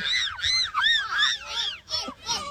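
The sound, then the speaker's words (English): Several children of an under-9s team screech loudly in imitation of a cockatoo at the end of their team chant, a rapid run of overlapping harsh squawks lasting a couple of seconds with no talking. “And do a cockatoo squawk at the end, I reckon.”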